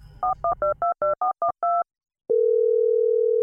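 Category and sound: signal or alarm, telephone dial tone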